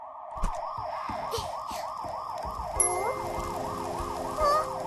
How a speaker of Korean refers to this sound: 이거 소방차 소린데?